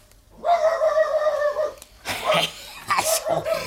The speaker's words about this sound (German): Ich warte, bis der Hund wieder bellt.